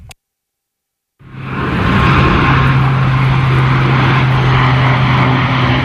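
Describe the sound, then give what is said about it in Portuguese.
After a moment of silence, a loud airplane roar swells in and holds steady, a broad rushing engine drone with a low hum beneath it, passing overhead with no voices, over the Talude neighbourhood in Loures at 6 in the evening. “Às 6 da tarde, o silêncio no bairro do Talude só é quebrado pelo barulho ocasional dos aviões.”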